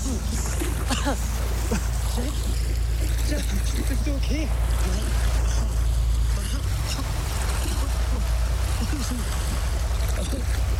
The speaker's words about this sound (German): wird ihr Schiff von dem roten Schnellboot der Gangster gerammt und Jack fällt ins Wasser